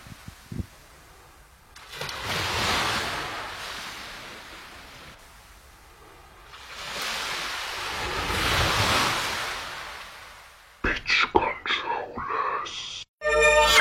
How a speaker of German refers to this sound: Ihr hier habt Stille, wir hören uns gleich wieder mit dem wunderschönen Wellensound.